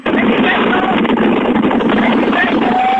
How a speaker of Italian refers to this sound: Ah, tu sentite il vento? Lo senti il vento?